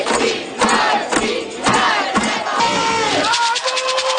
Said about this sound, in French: Et puis des milliers de personnes ont marché dans les rues de Trois-Rivières aujourd'hui pour réclamer plus d'argent pour les organismes communautaires. La manifestation organisée par le mouvement Le communautaire à bout a aussi été l'occasion pour